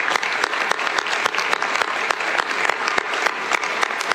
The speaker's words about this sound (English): You are a true Canadian success story and a big round of applause to you and the 350 workers.